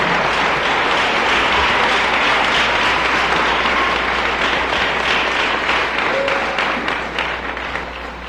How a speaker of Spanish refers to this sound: Dele un aplauso al Dios de gloria.